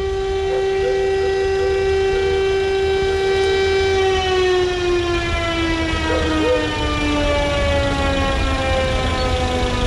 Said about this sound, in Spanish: comienza el recorrido escoltado por la policía uniformada en dirección hacia la Araucanía. Esto está ocurriendo en la avenida Ramón Picarte en Valdivia. Ya está en el exterior del servicio médico legal la carroza fúnebre. Escuchamos la sirena.